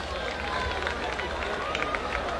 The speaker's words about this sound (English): He gets a round of applause from this Altoona crowd.